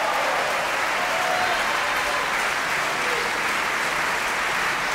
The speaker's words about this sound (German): Und dieser Applaus hat dem Haushofmeister von Johannes Silberschneider gegolten.